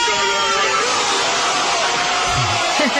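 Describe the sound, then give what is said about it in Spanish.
A loud, dense roar of a crowd shouting and cheering Iniesta's goal after a pass from Fábregas, sustained for the whole stretch with a broad wash of voices and excited yells rising through it. “El que lo narraba era …, los que lo gritaban eran todos los demás.”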